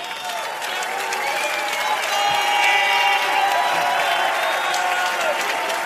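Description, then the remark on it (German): Sustained audience applause during a TV show with a phone vote between two contestants, a crowd clapping steadily throughout, loud and dense, with some cheering and murmured voices mixed into the roar of hands. “und das ist schon mal euer Applaus.”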